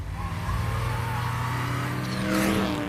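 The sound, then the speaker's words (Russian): A small Smart car drives through Rome, its engine humming steadily with a low drone, then revving up briefly near the end as it accelerates. No one speaks. “Поездки по Риму на автомобиле ободряют, особенно на смарте.”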